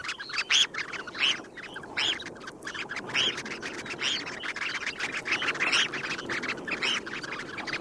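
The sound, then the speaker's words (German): Red phalarope calls: a steady stream of short, sharp chirping notes repeated in quick, uneven bursts, clear, with no voices. “Mein Vogel der Woche, das sehr zarte, sehr unmännliche Thorshühnchen.”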